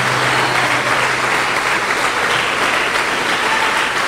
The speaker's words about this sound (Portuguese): Isso, vamos aplaudir mais o Senhor Jesus por cada vida que está chegando.